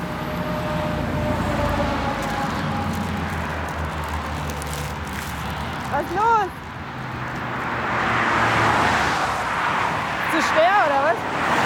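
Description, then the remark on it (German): A steady roar of motorway traffic rolls by a stopped bus at the roadside, swelling and easing as vehicles pass, with a few brief chirping sounds over the constant rumble. “Wir stehen an der Autobahn und der Bus fährt nicht mehr.”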